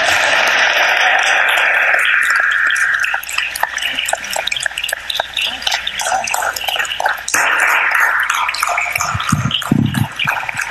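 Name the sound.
audience applause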